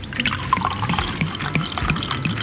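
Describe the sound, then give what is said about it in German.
Young sweet wine (Neuer Süßer) from this year's grape harvest being poured from a bottle into a glass in a radio newsroom, the first glass of the year, a steady splashing trickle with small glugging bubbles rising in pitch over a couple of seconds, no voices. “Und jetzt schenken wir ein, das erste Glas neuen Süßen dieses Jahr.”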